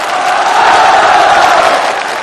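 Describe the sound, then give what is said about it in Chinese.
A dense wash of audience applause mixed with cheering after a song performance, loud and steady throughout, filling the whole short moment without pause. “好，掌声送给”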